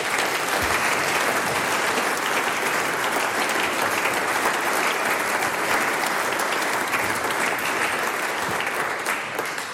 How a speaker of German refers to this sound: Der nächste Applaus gehört dir und deinen KollegInnen von der ….